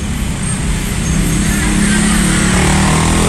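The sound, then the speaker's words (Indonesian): Steady road traffic around the Ranugrati bridge, moving slowly, with a continuous low rumble of car and motorcycle engines, staying loud and even throughout with no clear pauses or distinct passing vehicles. “Kalau untuk lalu lintasnya saat ini sedikit merambat juga ini ya, kalau dari pantauan video yang dikirimkan”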